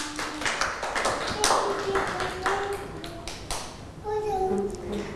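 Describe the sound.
A group of children clapping in a dense, uneven flurry of sharp claps that runs the whole time, with young voices calling out over the applause.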